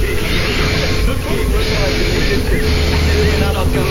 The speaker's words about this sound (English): So I got rid of the gaps, so you can really hear all the... Have a listen to all the breaths smooshed together.